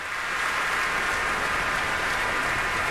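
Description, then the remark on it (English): Steady, dense applause from a large audience for the Royal Concertgebouw Orchestra and conductor Riccardo Chailly after an orchestral performance. It is a continuous crackling wash of clapping that holds at an even level for the whole few seconds, with no voices over it. “And a nice round of applause there for the Royal Concertgebouw Orchestra and Ricardo Chailly.”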